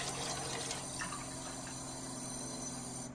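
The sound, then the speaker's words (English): Unfiltered tap water runs steadily into a container, collected to test its parts per million, a continuous rushing splash with a faint ringing tone underneath, lasting a few seconds with no talking. “First thing we'll do is get some unfiltered tap water.”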